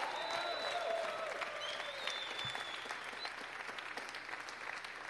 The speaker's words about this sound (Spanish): Aplaudan, hermano, porque el Espíritu Santo está en medio de su pueblo. Aleluya.